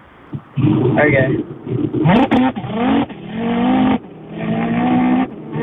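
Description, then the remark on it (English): A man's voice imitates a car engine revving, with rising, sweeping pitches and sputtering bursts in repeated surges, loud, like an engine accelerating and shifting gears. “you said just when you said that word "good," I'm like, this guy's got a good rev noise. So, without further ado, let it rip.”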